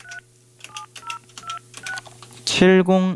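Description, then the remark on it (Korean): A string of about six short telephone keypad tones beeps in quick succession over a low steady hum, then a louder, buzzy harmonic sound takes over at the end, as someone picks up a telephone receiver to call a listener. “자, 다른 분한테 전화하고 있었는데 제 수화기를 들고 네. 한번 전화 한번 해 볼게요.”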